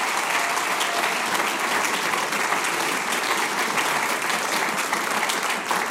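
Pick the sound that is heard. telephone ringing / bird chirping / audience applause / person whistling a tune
audience applause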